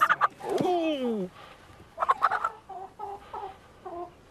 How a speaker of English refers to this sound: Clearly, though, the hens weren't thrilled at the prospect of living in Legoland. These are frisky.